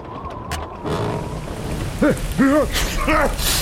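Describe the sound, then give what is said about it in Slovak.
Heavy rain pours down in a steady, dense hiss, with a few short, wavering voice-like calls rising and falling over it in the second half. “Vary, nevidíš tú potopu, babka? Som mokrý ako myš.”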